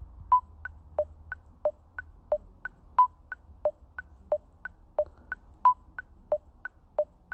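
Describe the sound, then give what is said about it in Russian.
An electronic metronome ticks steadily at 90 beats per minute, with short pitched beeps subdividing each beat in eighths, alternating higher and lower tones and periodic accented clicks. No one speaks. “И теперь запускаю метроном.”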